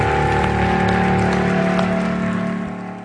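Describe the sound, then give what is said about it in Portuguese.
A church audience applauds the Lord in a dense, steady wash of clapping over sustained musical tones, holding strong before tapering off near the end. “Vamos dar mais um aplauso ao Senhor.”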